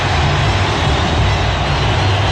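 A massive stadium crowd at a Brazil versus Scotland football match stands up, roars and applauds Neymar at once, a dense, steady wall of cheering and clapping that stays loud and unbroken throughout, with no single voice standing out.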